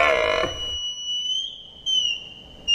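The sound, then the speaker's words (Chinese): A red deer stag's roaring call in a forest, a loud, rough, harmonic bellow that drops in pitch and cuts off after about half a second, followed by thin, steady high whistling tones. “我们也知道林间空地对于欧洲马鹿的重要性，尤其是在繁殖季，它们会用洪亮的叫声宣告自己的领地。”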